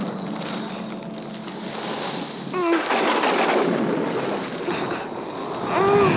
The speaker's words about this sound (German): Das hört nicht auf. Das hört nicht auf. Oller Wind.